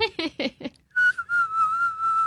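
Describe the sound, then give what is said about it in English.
A few quick spoken syllables, then a person whistles one steady, sustained note for just over a second, breathy but holding its pitch, clear. “Can you whistle?”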